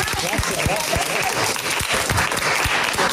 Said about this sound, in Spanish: Bueno, pero yo creo que el aplauso mejor es para los oyentes, que son los que nos han soportado también, semana tras semana.